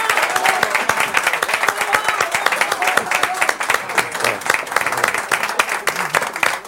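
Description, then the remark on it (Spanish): Sustained applause from a crowd, dense rapid clapping filling the whole stretch at steady loudness, lively, with a few faint voices mixed underneath. “de aplausos, no me dejen.”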